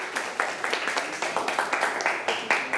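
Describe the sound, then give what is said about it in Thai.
A class claps together for a classmate's work in quick, uneven bursts, a steady patter of many hands with sharp, crisp transients, fairly loud and without any voices over it. “ไม่เป็นไรทุกคนปรบมือให้สอนครับ”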